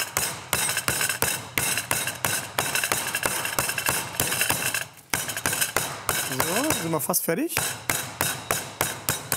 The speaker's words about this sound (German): Also, das Hähnchen muss jetzt natürlich richtig schön platt plattiert werden. Jetzt wird es ein bisschen laut.